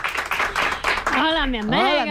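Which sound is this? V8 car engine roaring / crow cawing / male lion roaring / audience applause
audience applause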